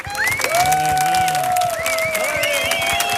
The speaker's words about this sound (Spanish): Fuerte el aplauso para